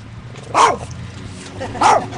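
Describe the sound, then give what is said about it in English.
A black and white rat terrier chihuahua mix barks twice, sharp and high-pitched, with a pause of over a second between the yaps, over a low steady background hum. “He's a rat terrier chihuahua. And he doesn't let people get too close to me.”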